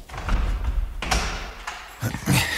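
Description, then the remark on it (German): A few sharp knocks on an office door, irregularly spaced, with a low rumble of room noise and some faint shuffling between the raps. “Oder er telefoniert und hat das Klopfen nicht gehört.”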